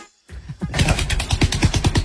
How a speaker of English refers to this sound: It's a hippo dumping. What? It is. It's not. You know where the hippo poos and whips it round with his tail?